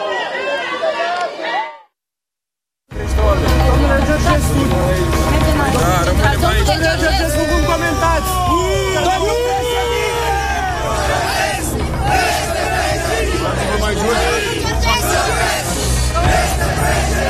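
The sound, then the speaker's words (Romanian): A large crowd of supporters shouts and roars loudly and continuously as a car enters the gate of the central detention facility where former presidential candidate Călin Georgescu was brought, many overlapping voices yelling at once, with a steady babble underneath; the noise drops out briefly near the start, then surges back at full intensity. “Îi auziți acum cum urlă, fac asta de fiecare dată când văd că o mașină vine aici și intră pe poarta arestului central.”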